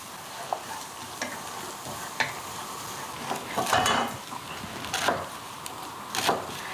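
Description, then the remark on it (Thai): Oil sizzles steadily in a pan as food is fried until golden, with louder hissing surges and occasional scraping from stirring. Continuous, with no voices. “นี่ค่ะทีนี้ก็ตั้งกระทะได้เลย ตั้งกระทะค่ะอันนี้ใส่เยอะได้เลยเพราะว่าเยอะแล้วอร่อย ใช่ ค่ะ มันต้องเจียวให้เหลืองอะค่ะ”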